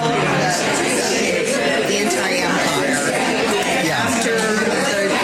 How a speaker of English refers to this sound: There's so much crowd noise, it's hard to pick it out. Is that after coffee and donuts with the preacher after church?